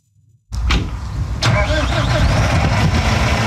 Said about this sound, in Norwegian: Endelig kan traktoren gå, og bonden får slå.